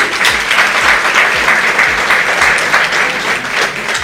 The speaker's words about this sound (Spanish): Entonces, para eso pido un aplauso también por estos 28 años.